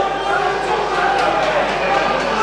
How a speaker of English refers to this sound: Bradford Bulls 10, and now we're Hastings, St. Helens 34. Lots of sarcastic clapping going on here.